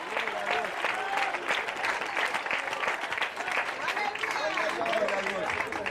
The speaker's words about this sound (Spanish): Dele fuerte ese aplauso, sea para él.